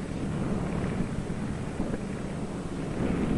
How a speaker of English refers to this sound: Out over the ice, Byrd is in trouble. His starboard engine is cutting out, now stops. His one remaining engine is losing power.